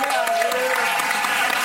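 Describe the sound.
An audience applauds steadily, a dense, even wash of many hands clapping at constant loudness, with voices calling out over it throughout.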